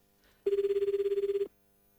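A single one-second burst of a telephone ringback tone, the first ring of an outgoing call from a radio show to a listener, a steady warbling buzz pulsing rapidly, heard alone with near silence before and after.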